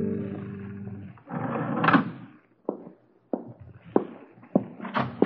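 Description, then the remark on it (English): A low droning rumble gives way to a series of distinct thudding footsteps, about five or six, walking at an uneven pace on a hard floor in a hallway, moderately loud. “I heard your footsteps in the hall.”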